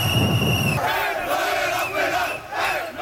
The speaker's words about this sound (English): And finally, Moroccan soccer fans are cheering.